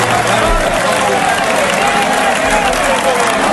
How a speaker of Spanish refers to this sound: el líder que fue este fin de semana a la Plaza de Toros de Albacete para ver a Morante la Puebla y acabó llevándose él también. ¿Habéis visto el vídeo? Sí. Una ovación, pero no una ovación pequeña, una ovación de toda la plaza. Mira.